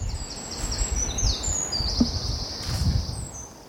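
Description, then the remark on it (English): Morning woodland birdsong: high, whistling phrases from several birds overlap, rise and fall in pitch and echo between the trees, over a steady low outdoor rumble. “I cannot identify any of the songs that rise and fall in the morning woods.”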